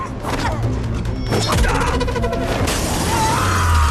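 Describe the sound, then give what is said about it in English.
A loud crash of window glass shattering as one fighter tackles another out of a window, with a heavy impact partway through and bright breaking debris rattling for a couple of seconds before a low rumble takes over. “Darting a knife into Morgan's forearm, Yuko tackles him out of a window.”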